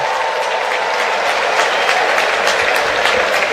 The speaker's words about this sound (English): Another nice round of applause for Arenado, who turned a pretty nifty double play off the bat of Jordan Walker to end the Cardinals' third inning